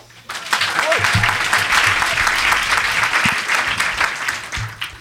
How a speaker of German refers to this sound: Der Ältere beginnt, er baut sich auf, hier ist Goethe für euch. Applaus, Applaus.